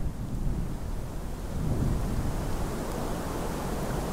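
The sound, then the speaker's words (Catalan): A steady, low storm roar of wind blowing without pause during the first snowfall of winter over the village of Guadalaviar on 11 December 2017, dense and rumbling with a faint hiss on top, swelling slightly midway. No voices are heard. “Avui és 11 de desembre de 2017 i està caient sobre Guadalaviar, el poble que també rep el nom del riu, la primera nevada de l'hivern.”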